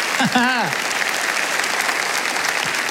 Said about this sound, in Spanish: Alguien tiene que aplaudir más que eso si lo cree.